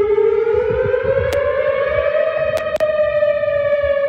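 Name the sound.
tornado warning weather siren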